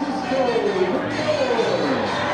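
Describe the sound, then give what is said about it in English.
A Binghamton baseball crowd roars and cheers for Nick Roselli's RBI single, which extends Binghamton's lead to 5-1 in the bottom of the sixth. It is a steady, dense wash of noise that holds for a couple of seconds, with a man's voice talking over it. “And the Binghamton faithful, and if you can hear it on the crowd mic, that Bearcat roar for Roselli extends the Binghamton lead.”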